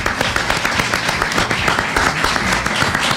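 Steady audience applause for a panel member, a former director of the magazine, at a live radio programme, many hands clapping in a dense, continuous patter at a fairly loud, even level throughout, with no voices standing out.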